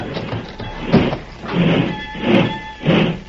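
A heavy sliding boxcar door, on a boxcar filled with ranchers, is hauled shut in several grinding surges, rumbling and scraping with a thin metallic squeal running through the pulls. No one speaks.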